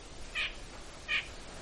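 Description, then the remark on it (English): Two short, nasal calls of a white-breasted nuthatch ring out about a second apart, fairly faint, from right overhead in a very large white pine at Gunflint Lake, against a soft background hiss. “Actually, the white breast is right overhead now.”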